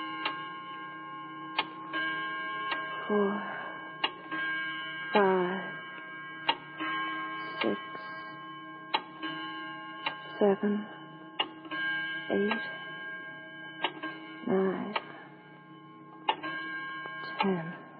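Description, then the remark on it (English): A clock ticks steadily at about one beat per second over a constant low electrical hum, with occasional brief muffled voices in the background. “I suggest Jean be permitted to forget about big business while we all concentrate on the clock, Mr.”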